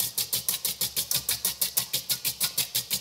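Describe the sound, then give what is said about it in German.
A whisk beats a dessert mixture rapidly around a bowl, a steady chugging rhythm of about five scraping strokes per second, each a bright swish with a low thump, continuing evenly without any voices. “Ja, das hört sich an wie Omas alte Waschmaschine, was du hier gerade machst.”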